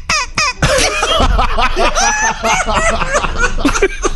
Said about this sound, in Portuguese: É, agora uma tosse esquisita. Vai ficar tossindo o programa inteiro com isso aí, hein?